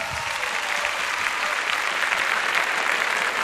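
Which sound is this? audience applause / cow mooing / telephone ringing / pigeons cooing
audience applause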